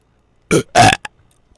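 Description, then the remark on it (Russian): Two loud burps in quick succession, the second longer and throatier, followed by a short clipped belch. No talking, just the burps in otherwise quiet surroundings. “Бери парнишку, запускай бой, чтобы этих рыгалово не было уже.”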